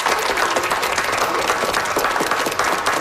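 Sustained applause from a young audience for a guest, a dense, steady wash of many hands clapping at once, fairly loud, with no talking over it.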